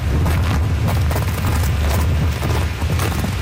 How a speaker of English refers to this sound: God, the wind will take you away. Okay. Newfoundland is one of the windiest places in the world.